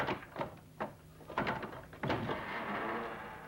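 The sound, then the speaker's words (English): A door is opened with a series of sharp clunks and rattles, followed by a steady broad rushing noise as it swings open. No one speaks. “Open the door!”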